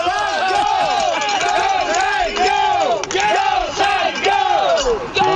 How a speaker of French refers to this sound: Ben, en fait, là, les partisans des Wildcats sont pas tout à fait arrivés, mais on a des partisans des Saguenayens qui sont ici, qui veulent crier.